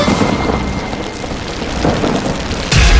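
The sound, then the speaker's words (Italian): Heavy rain pours down in a steady, dense hiss, with deep thunder rumbling at the start and a louder roll of thunder breaking in at the end. “Piove, senti come piove, Madonna come piove, senti come viene giù.”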